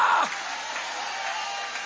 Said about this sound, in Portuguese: Vai aplaudindo, vai glorificando, porque quem é liberto louva.